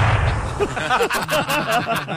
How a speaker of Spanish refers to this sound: Y después de un corto periodo de tiempo, se escuchan dos disparos. Dos disparos.